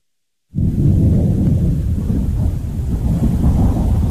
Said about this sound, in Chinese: 四月底的广州渐渐沉闷潮湿起来，远处滚过的雷声预示着一场暴雨即将来临。